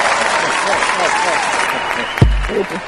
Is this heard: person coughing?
no